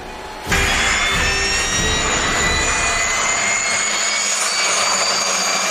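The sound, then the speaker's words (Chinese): A special-duty jet aircraft's engine roar bursts in abruptly and holds loud and steady, a broad rushing blast threaded with high whining tones, as the plane comes in to land safely, guided by the station five duty officer on the tower commander's landing instruction. “接到塔台指挥员引导着陆指令，提前做好准备的五号台值班员引导特勤飞机安全着陆。”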